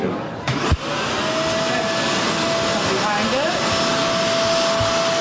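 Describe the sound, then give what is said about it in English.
A vacuum cleaner starts up after a short clunk and then runs steadily and loudly, with a constant roaring hiss and a thin whine that wavers slightly in pitch, as a student helps vacuum a classroom floor after lunch. “Seth is helping Enrique Lomeli vacuum the floor.”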